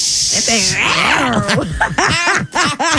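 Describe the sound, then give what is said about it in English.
An angry cat hisses sharply, then breaks into a run of strained, wavering growls and yowls that rise and fall several times in quick succession. “It's no nice little purrs to it, is there? Yeah, it's an angry little cat right now.”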